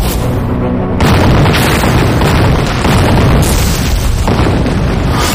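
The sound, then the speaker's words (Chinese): A powerful bomb explosion erupts after a brief moment, killing a man sitting in his car waiting at a traffic light; its loud booming blast rolls into a dense, roaring rumble that stays heavy for several seconds, with no voices. “是威力巨大的爆炸。”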